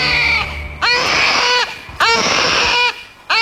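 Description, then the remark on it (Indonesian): A newborn baby boy cries loudly in two long, wailing bursts with strained, rising-and-falling pitch, breaking the silence of a wilderness forest, with no talking. “Tangis sang bayi memecahkan keheningan di hutan belantara.”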